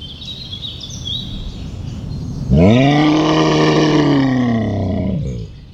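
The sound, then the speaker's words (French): A brown bear of Finland lets out one long, deep, loud roar, rising then slowly falling away, after a few seconds of quiet outdoor ambience with faint birds chirping. “je suis l'ours brun, Karu de Finlande”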